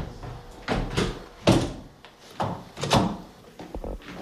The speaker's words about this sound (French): Merci de m'avoir ouvert ces portes-là. On va les refermer.